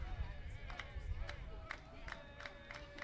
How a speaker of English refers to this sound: You hear the clapping from the Hawaii dugout.